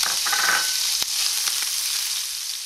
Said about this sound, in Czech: Ano, na pánev dáme olej, rozpálíme ho a posléze přidáme slaninku a necháme vypéci. Nakrájenu na malé kostičky. Malé kostičky, přesně.